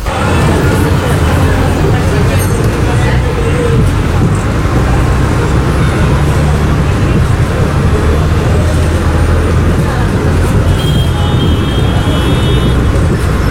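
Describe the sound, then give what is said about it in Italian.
Steady, dense road traffic roars continuously with a low rumble of passing vehicles and engines, a faint murmur of voices mixed in, and a brief high whine near the end. “Quando siamo in mezzo al traffico, la nostra mente deve fare uno sforzo enorme e continuo per monitorare i pericoli intorno a noi.”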